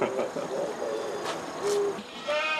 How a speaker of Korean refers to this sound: 천방지축 자유롭게 뛰노는 염소들은